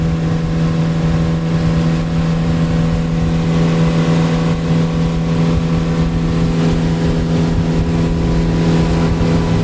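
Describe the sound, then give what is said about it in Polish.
A motorboat engine drones loudly and steadily on the Acininga River, its deep harmonic hum constant over rushing water noise, the pitch edging slightly upward as throttle is added and the boat speeds along. “Nawet nasz sternik miał dzisiaj problem, żeby znaleźć, jak, w jaki sposób, w którym miejscu płynąć do rzeki Acininga, ale teraz widzę, czuję się bardziej pewnie i przyspiesza. Dodaję gazu.”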